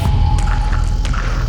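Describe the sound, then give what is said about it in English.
Underwater bubbles rush past over a steady deep rumble, with a few short gurgling pops and brief bursts of fizz. A faint steady tone hums in the background. “Bubbles rush past.”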